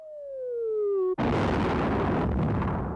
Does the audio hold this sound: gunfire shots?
yes